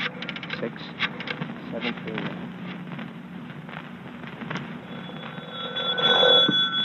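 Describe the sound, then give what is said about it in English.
Bursts of quick mechanical clicks of a rotary phone being dialed to call the YWCA, followed near the end by a brief ringing tone, all heard through a muffled, narrow-band old recording with background hiss. “Phone the YW.”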